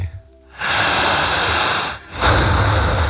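Two long, deep breaths close to the microphone, each a broad airy rush lasting over a second, separated by a brief pause, with no talking.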